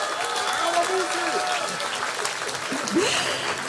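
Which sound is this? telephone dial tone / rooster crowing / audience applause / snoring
audience applause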